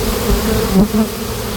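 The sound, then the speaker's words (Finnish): A dense, steady hum of many honeybees swarming at hives being opened, in the apiary of the year at the edge of Ruissalo Botanical Garden, Varsinais-Suomi; a continuous low droning buzz with slight wavering pitch and no voices. “Surinaa ja pörinää täällä Ruissalon kasvitieteellisen puutarhan reunamilla on. Täällä on vuoden mehiläistarha”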